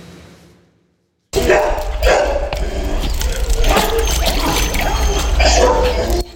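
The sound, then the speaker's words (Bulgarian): After a brief quiet moment, more than 100 stray dogs at an animal shelter break into loud, overlapping barking that carries on steadily, with splashing, trickling water from the pools and water used to cool them in the heat mixed in, and a busy outdoor din. “Сянка, повече вода и басейни разхлаждат над 100 бездомни кучета в приюта на фондация Animal Rescue”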